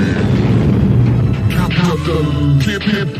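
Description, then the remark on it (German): A loud, deep explosion effect for the biggest bang in space rumbles and roars continuously for several seconds, with swirling higher tones and faint voice-like sounds rising through the middle of the blast. “Und jetzt der größte Knall im All.”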